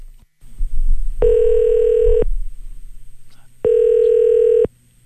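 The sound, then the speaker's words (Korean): A telephone ringback tone sounds twice as a call is placed to someone in Daejeon, each steady electronic ring lasting about a second with a pause between, loud over a faint background hum. “오늘 대전에 계신 우리 1019번님께 전화 연결을 한번 해볼게요.”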